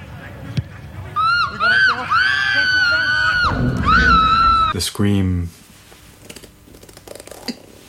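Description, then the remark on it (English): A loud, piercing human scream held for several seconds with a wavering pitch, breaking off into a short falling cry before fading into quieter background noise. “The scream.”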